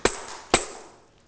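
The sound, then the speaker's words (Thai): A teacher strikes a tambourine twice, about half a second apart, as a rhythm signal for children; each hit is a sharp slap followed by bright, shimmering jingles that ring and fade, with no talking. “แทมโบรีนนั่นเองค่ะเดี๋ยวคุณครูนะคะจะให้เสียงสัญญาณจังหวะแบบนี้ค่ะจังหวะอะไรคะ ช้า”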